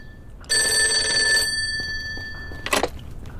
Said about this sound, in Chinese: 哎，电话。